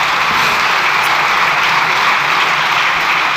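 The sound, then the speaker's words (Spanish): Sustained applause from a crowd, a dense, steady wash of clapping that holds at an even, fairly loud level throughout without pausing or fading, with no voices heard over it. “Largo aplauso, ¿eh?”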